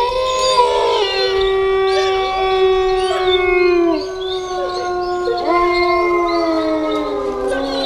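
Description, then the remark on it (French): Several husky sled dogs in Finland howl together in a loud chorus, their long wavering notes overlapping and rising and falling for the whole stretch, with no talking. “Mon ami, le Husky, tire lui aussi des traîneaux avec ses amis.”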